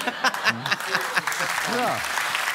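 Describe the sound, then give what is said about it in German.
Part of a TV show's audience applauds: a dense, steady patter of many hands clapping, with excited voices calling out over it throughout. “Von einem Teil des Publikums kriegt man immer Applaus.”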